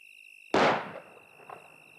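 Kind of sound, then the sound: impact, gunshot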